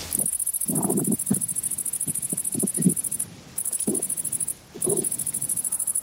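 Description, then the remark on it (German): A grasshopper stridulates by rubbing its hind legs, a steady, high-pitched buzzing trill of rapid pulses, fairly loud, broken by two short pauses, with a few soft low rustles and bumps underneath. “Das klingt nach einem Grashüpfer.”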